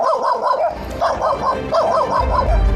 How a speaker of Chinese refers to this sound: 这狗不是随便叫两声就停，而是冲着黑暗足足喊了2分多钟。